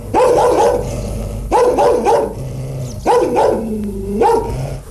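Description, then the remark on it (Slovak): A person imitates a barking dog, loud, in three bursts of quick double and triple barks about a second and a half apart, with a low growly tone in between. “Nebojte sa, nie som rozzúrený, iba som vám chcel ukázať, ako sa má správne brechať.”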